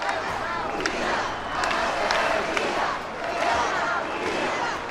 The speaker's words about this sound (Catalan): Els crits en favor d'Espanya, les banderes i els càntics contra el president Pedro Sánchez protagonitzaren la cita.